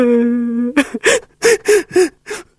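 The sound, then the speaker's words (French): A person in the corner cries: a drawn-out wavering wail followed by five or six rapid, gasping sobs in an uneven rhythm, fairly loud, with no one talking. “Il y en a un qui pleure dans le coin.”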